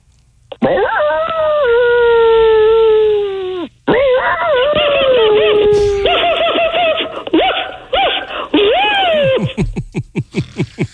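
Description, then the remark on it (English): People imitate dogs: a long, loud sustained howl, then several overlapping wavering howls and whimpers, ending in a rapid run of short yelping or giggling bursts. “Why don't you guys only talk like dogs for a second?”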